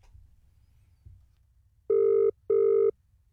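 A telephone ringback tone on an outgoing call from radio station C91.3 to a prize winner in Wilton: two steady electronic bursts, close together and loud, after a second or two of quiet line hiss. No one speaks.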